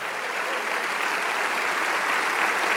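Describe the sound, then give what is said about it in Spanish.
An audience claps for the Lord, the King of Kings, many hands blending into a dense, even wash of applause that holds a constant loudness throughout, with no voices standing out. “Vamos, dale ese aplauso, Rey de Reyes.”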